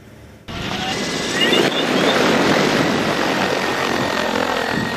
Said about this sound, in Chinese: 在四川乐山夹江县的一处水稻田边，顾茂元正操控着植保无人机进行飞防作业